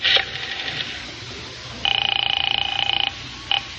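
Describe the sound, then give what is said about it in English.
A telephone rings as a call is placed, a rapid, trilling electric bell, one sustained ring of over a second followed by a brief clipped burst, heard fairly clearly over faint background hiss. “Yeah, I better phone her now and let her know I have her gloves.”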